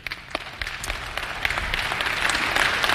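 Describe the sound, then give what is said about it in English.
An audience claps, starting with scattered individual claps and swelling into steady, dense applause that grows louder over a few seconds. No one speaks. “I hope you're clapping when we get to the words to the rich.”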